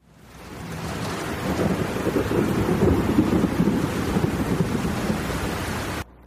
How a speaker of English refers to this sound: Well, listen to that rain and thunder. Miserable night.